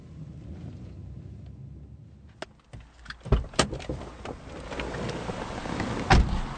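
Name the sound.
car driving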